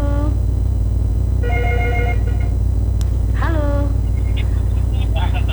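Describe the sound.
A telephone rings with an incoming call, its electronic tones sounding in short repeated bursts over a steady low background hum, with faint voice-like sounds in between.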